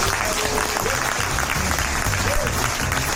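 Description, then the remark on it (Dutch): Steady, dense applause from an audience after the winner of the Inktspotprijs, the prize for the best political cartoon, is announced. A continuous wash of clapping at even loudness throughout, with a faint murmur of voices underneath. “Ja, en in schril contrast tot dit applaus trekken we vanavond letterlijk de beerput open.”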